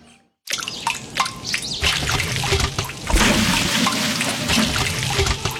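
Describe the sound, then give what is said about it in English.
Water drips and trickles steadily after a brief silence, with small splashy drops falling over a continuous running-water wash. It is moderately loud, with no talking. “Water. It's the start of everything.”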